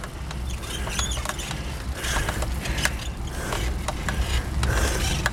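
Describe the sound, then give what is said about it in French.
A bicycle creaks and squeaks repeatedly while being ridden, irregular clicking creaks over a steady rush of road and wind noise, moderately loud, with no talking. “Ouais, ça grince un peu, ça commence à mal.”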